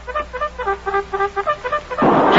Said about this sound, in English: I think I'm hearing music. Music? You bird brain clown, you. That music is a bugle. A cavalry bugle. I don't know how it happened, Cherokee, but here comes Lieutenant Carpenter and all of his troops.